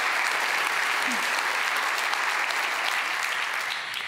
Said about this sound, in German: Dein Applaus.